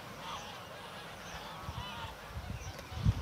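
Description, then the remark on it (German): A goose honks repeatedly in harsh, nasal calls while being chased by a raven, the cries coming in uneven bursts over a low, rustling outdoor background with a few brief thumps. “Der Rabe jagt so lang, bis die Gans erschöpft anhält.”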